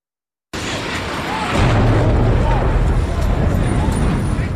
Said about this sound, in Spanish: Así sonaba desde la calle, desde el entorno de las Torres Gemelas, el impacto del primer avión aquel día.